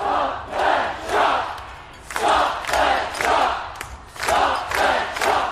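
A large crowd of over 2,000 protesters chants in unison at a rally at State Parliament in Adelaide's CBD, opposing the North Adelaide Golf Project to save parkland trees, shouting short rhythmic phrases in repeated bursts, loud and steady, with brief pauses between each collective cry.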